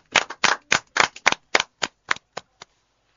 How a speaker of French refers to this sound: On applaudit